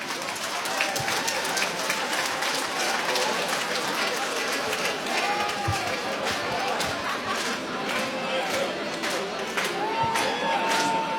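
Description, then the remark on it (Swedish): Sustained applause from a sizable audience at an event at Åskogens Folkets Park, greeting a nominee; dense and steady clapping with some cheering and crowd noise mixed in, loud throughout. “Så är en stor applåd till”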